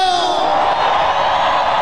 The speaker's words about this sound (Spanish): El grito y el chiflido de la gente cabrona. Ese grito a la gente, que la gente que viene desde abajo, ese grito.